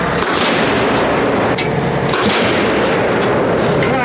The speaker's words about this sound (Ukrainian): Загалом у бік рашистів підряд вилітає до десятка 155-міліметрових снарядів.